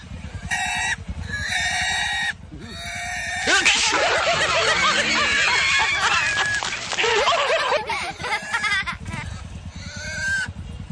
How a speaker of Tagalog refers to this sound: Iwit ng baboy.